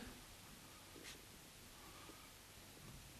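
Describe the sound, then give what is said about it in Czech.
Soft, steady brushing of a solution across a sheet of paper, a faint scratchy swish with one brief sharper stroke near the start. It is quiet, with no voices. “přetřu papír tímto roztokem.”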